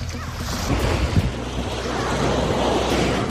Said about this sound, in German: Wellen rollen an den Strand von Busnica.